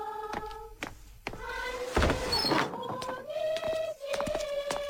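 A villager opens a door: a few sharp wooden clunks and rattles, a scraping whoosh, then long drawn-out hinge creaks. No one speaks.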